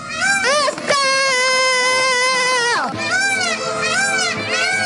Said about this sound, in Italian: Questo è il servizio che ha scatenato l'epidemia del pavone, il terrore per aiuto. Il pavone. Eccoli.